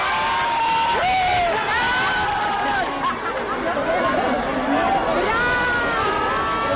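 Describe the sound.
A crowd of fans screams and cheers continuously as Brad Pitt arrives at the María Cristina, high shrieks and whoops rising over a dense roar of voices that stays loud throughout.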